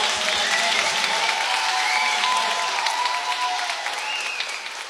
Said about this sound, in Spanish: Muchísimas gracias. Dale. Un aplauso.